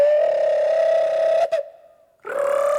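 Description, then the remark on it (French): A cuckoo call drawn out into two long, hooting tones: a steady held first note, a short pause, then a second note rising in. Loud and clear, with no voices. “Il sait même plus faire coucou.”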